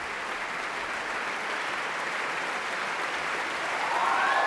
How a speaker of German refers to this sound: Und das hier ist der verdiente Extra-Applaus für Magnus Dietrich, den Einspringer heute.